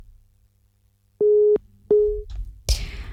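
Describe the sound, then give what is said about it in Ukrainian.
A telephone busy tone sounds twice as a caller's phone call drops, two loud, steady mid-pitched beeps separated by a short pause, followed by a burst of line noise and a click as the connection cuts off. “На жаль, обірвався телефонний дзвінок.”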